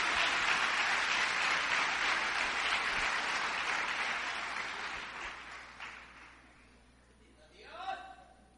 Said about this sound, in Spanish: Ahora sí, denle una ofrenda de palmas fuerte al Dios de los cielos.